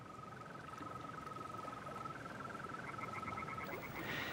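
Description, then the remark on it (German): A green toad calls late in the evening at a lake with a long, steady high trill, a continuous pulsing tone that runs almost unbroken over a dense background hum, with no voices. “Lediglich ein paar flatternde Fledermäuse, der Ruf einer Eule und das Locken der Wechselkröte durchdringen die Nacht.”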